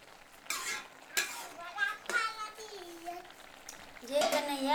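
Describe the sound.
A spoon scrapes and clinks against a pot of soup in a few irregular strokes as salt is added, while children's high voices chatter with their mother, moderately loud.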